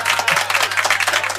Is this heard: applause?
yes